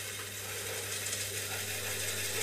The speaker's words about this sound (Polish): I później będzie takie fajnie, ta taśma widać, że się już urwała. To... Jak zawiruje, tak. I tak słychać, że wzrasta częstotliwość, bo to jest fizyka.